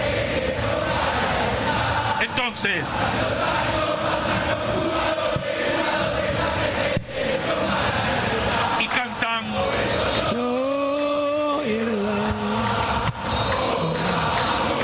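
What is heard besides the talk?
football stadium crowd cheering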